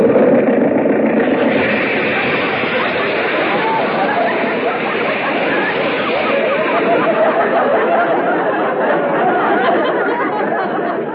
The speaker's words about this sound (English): Well, the motor sounds okay. You can turn it off.